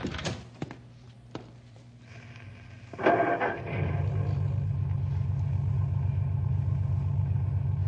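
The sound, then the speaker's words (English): A couple of car door thunks, then an engine cranks briefly and catches, settling into a loud, steady low rumble that continues to the end. No one speaks. “Go ahead and start the car.”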